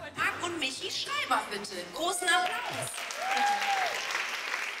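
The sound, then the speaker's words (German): An audience applauds loudly and steadily for several seconds, with scattered cheers and voices rising over the clapping. “Großen Applaus.”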